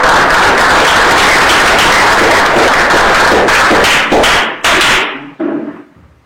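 A crowd at a community project gathering in Peru claps loudly and steadily for several seconds to welcome the project's leader, then the applause thins out into a few scattered final claps before falling silent.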